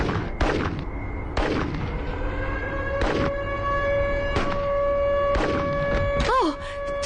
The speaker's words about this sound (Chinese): 我听到了警报和枪声。